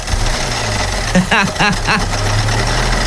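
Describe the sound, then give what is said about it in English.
A faulty car engine idles with a rough, steady low drone and a rattling knock running through it, while a voice briefly sounds over it midway. “It's like you put gravel in the lawnmower.”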